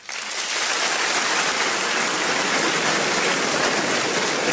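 An audience breaks into applause in answer to a question asking who among them is fussy about tidiness; it quickly swells to a dense, steady clatter of many hands and holds at full strength for several seconds, with no voices over it.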